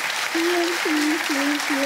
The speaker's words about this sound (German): Wir freuen uns mit Ihnen in Braunschweig. Der Applaus geht dahin. Schönen Urlaub.